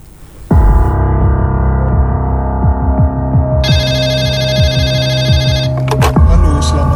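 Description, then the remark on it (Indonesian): A telephone rings loudly at night with a call from a resident of Tanggul district, Jember, a steady electronic tone with a fast rhythmic pulse. It begins after a short quiet moment and keeps going to the end. “menerima telepon dari seorang warga di Kecamatan Tanggul, Jember.”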